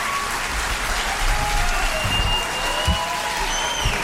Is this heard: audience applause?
yes